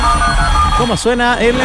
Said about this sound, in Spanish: Creo que ya tenemos ya, ¿o no? ¿Cómo está sonando el teléfono acá? Impresionante, ¿ah? ¿Eh?